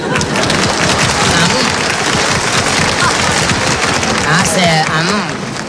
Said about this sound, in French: Ces messieurs dames applaudissent.